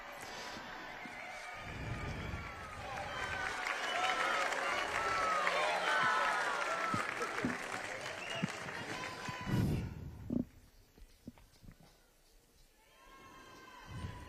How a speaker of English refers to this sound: And the Holy Father seems to be ready. We join then this enthusiastic crowd. We welcome the Holy Father. There he comes.